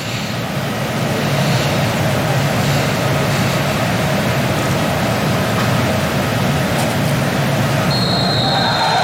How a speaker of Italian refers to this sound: Ed eccolo il fischio dell'arbitro Turpin, accompagnato da un boato e da un grande applauso per questo ragazzo che ci ha lasciato troppo presto.